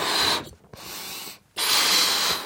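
Someone rummages through a box of items, with dry rustling and scraping in three bursts separated by two brief pauses. No one speaks.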